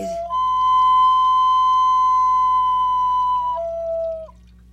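A clay water whistle made of burnished clay and shaped as a wolf sounds one long, steady, clear tone for several seconds, then steps down slightly in pitch and glides off as it ends, over a low background hum.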